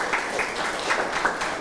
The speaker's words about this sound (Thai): ครับปรบมือให้เพื่อนหน่อย